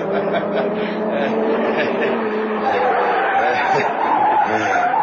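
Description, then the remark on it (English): Tires skid and squeal loudly as a car spins at a police roadblock, a sustained screeching whine with a roaring engine underneath, continuous for several seconds. “Spin the car, quick.”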